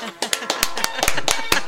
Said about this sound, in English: Wait. Let me try this again. Maybe if I do a slow clap.